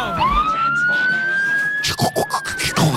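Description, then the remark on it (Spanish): A loud ambulance siren wail from a TV cartoon, as a robot transforms into an ambulance, sweeps upward and holds one steady electronic tone, while choppy bursts of voice or clatter break in over its final second. “Ironhide, transfórmate en ambulancia de E-Salud.”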